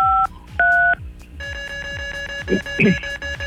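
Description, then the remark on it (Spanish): Two short, clear phone keypad tones sound in quick succession as the number 953 is dialed from a mobile device to spin a roulette, followed by a steady electronic line tone with faint voices and rhythmic thumps underneath. “Pues listo para girar la ruleta marca 953 desde tu dispositivo móvil.”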